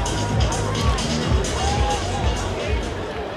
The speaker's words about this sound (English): A sellout crowd waits on Jackson Strong, who takes strike one.